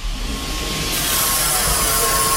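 A fast-moving elevator travelling at 2.5 metres per second, going up to the viewing platform on the 7th floor, carries a steady, loud rushing whoosh with a thin mechanical whine on top; the noise swells about a second in and then holds, with no one speaking.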